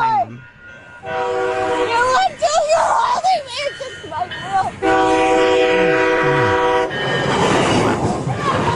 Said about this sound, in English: You're going to get run over by the train. No. You're in the tracks. And then it passes literally right there.